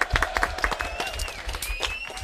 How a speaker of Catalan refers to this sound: Molt bé, això només per gent que coneix molt bé tots els programes de No Venim en Manual. Fort aplaudiment, molt bé.